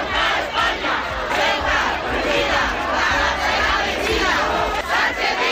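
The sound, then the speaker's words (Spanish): A large crowd of protesters shouts continuously in a loud, dense roar of many voices, with rising bursts of yelling and no clear individual speech, at a protest over migration called by religious communities in the Plaza de la Constitución in Ceuta. “Con un escenario oficial, la Plaza de la Constitución, con gritos”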